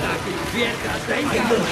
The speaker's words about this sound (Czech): Nevidíš, že neslyším, když teče voda?